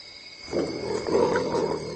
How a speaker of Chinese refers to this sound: 喊着，并发出威慑性的咆哮声。